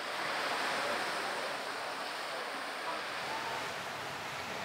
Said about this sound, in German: Die Brandung nimmt zu.